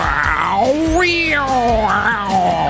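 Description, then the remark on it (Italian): A human voice mimics cats yowling in heat, a loud, continuous wail that slides up and down in pitch in long swooping glides, unaccompanied. “Vedete i gatti che quando vanno in amore, cioè.”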